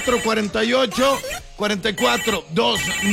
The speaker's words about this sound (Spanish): Teléfono en cabina